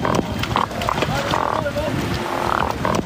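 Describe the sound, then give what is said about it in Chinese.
Large yellow croaker fish grunting underwater, the sound made by squeezing the swim bladder to find mates: a series of short, buzzing croaks in an irregular rhythm over a dense, murky low rumble, fairly loud. “这就是大黄鱼发出的声音，哼唧哼唧的。”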